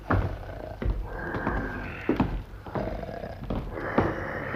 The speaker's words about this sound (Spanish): ¿Cómo? ¿Eres tú el que roncas, viejo lobo?